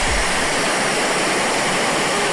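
A powerful torrent of floodwater rushes through a street like a river with a strong current, a loud, dense, unbroken roar that holds steady throughout, with no voices.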